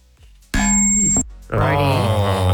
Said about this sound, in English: You've been doing this in this studio for 3 years. Have you not learnt how to not make that microphone squeak yet? Sometimes it's very loud.